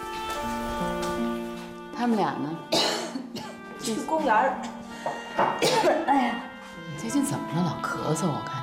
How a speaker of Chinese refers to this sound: 最近怎么了？老咳嗽，我看你。就前一阵儿感冒了，然后就不知道怎么就落下咳嗽了。